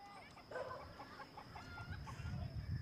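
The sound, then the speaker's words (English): Farm animals in a stall being fed by a man, mostly hens clucking in a quick series of short calls, over a steady background hum and low shuffling rumble that grows toward the end. “He's feeding the animals. We have to feed them in the stall because of the settler attacks.”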